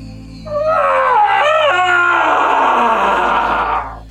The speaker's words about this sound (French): Le hurlement d'Achille suspendit les mouvements de vie du camp. Il se jeta sur le sable, se tordit comme un fou, s'arracha les cheveux, se couvrit des cendres du foyer tout en hurlant.